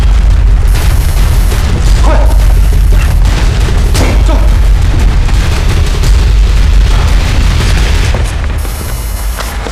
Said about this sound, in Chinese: 装的啥呀？ 有炸弹，整个楼都装了炸弹，瞬间就爆炸。